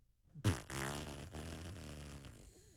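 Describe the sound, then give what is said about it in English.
A voice imitates air escaping a balloon: an abrupt, buzzy, sputtering raspberry with wavering pitch that starts after a brief silence and lasts about two seconds. “More like a deflating something, like a, what's a let the air out of a balloon sound?”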